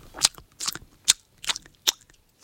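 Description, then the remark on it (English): A voice imitates open-mouthed gum chewing, smacking the gums together: about five wet, sharp smacks and clicks in a loose, uneven rhythm, fairly quiet, with no talking. “it's when you chew gum but smack your gums together.”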